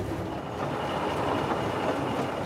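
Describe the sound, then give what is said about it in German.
The steam locomotive Edward Thomas running, with water in its chimney, giving off a steady, loud roar of hiss and rumble that holds evenly for the whole moment, with no voices. “Die Lok ist anfällig, was die Wasserzufuhr in die Dampfabgabe angeht.”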